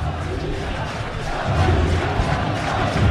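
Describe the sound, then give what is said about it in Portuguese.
A large stadium crowd at São Januário chants the name of the player Saldívia together, a loud, continuous roar of massed voices that swells louder about halfway through and holds steady to the end. “Saldívia com nome gritado em São Januário.”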